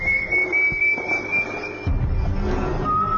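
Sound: eerie whistled melody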